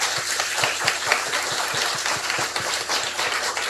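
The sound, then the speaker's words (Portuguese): A church audience in Lagarto, Brazil, applauds together to thank a priest for his testimony. Many hands clap in a dense, steady patter at an even level for a few seconds, with no one speaking over it. “É o nosso paro com a salva de palmas.”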